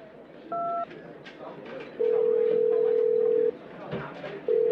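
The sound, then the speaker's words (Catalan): A quick two-tone keypad beep, then a long steady ringback tone heard through a phone line on an outgoing call, with another ring starting at the end over a murky background hum. “Truca qui calgui i som-hi.”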